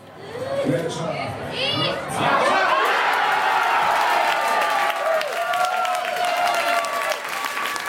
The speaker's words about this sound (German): Nur 6 Minuten hat es gedauert, bis die Deutschland-Fans zum ersten Mal jubeln durften. Beim 1:0 durch Felix Metscher.